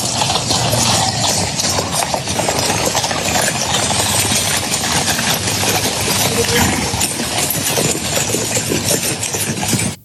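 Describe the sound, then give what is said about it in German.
Horse hooves clip-clop in a steady, brisk rhythm as a horse-drawn carriage rolls along in Windsor, carrying German President Steinmeier and the British King during a state visit. The hooves are layered over a continuous loud wash of rumbling noise for the whole stretch. “Da saß also Steinmeier neben dem britischen König und lächelte aus der Kutsche herab.”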